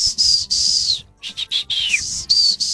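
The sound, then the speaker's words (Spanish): A person whistles a father's family calling signal, used to call his children when he needed them: a rapid run of loud, high-pitched whistled notes, including a long downward slide and short bursts, with no talking. “Ya sabíamos que si escuchábamos ese chiflido, entonces ya teníamos que ir porque mi papá nos necesitaba para algo.”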